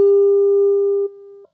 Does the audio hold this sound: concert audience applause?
no